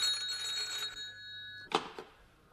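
A telephone rings with a steady, bright metallic tone for under two seconds, then cuts off into a couple of sharp clicks, like a handset being picked up. No voices.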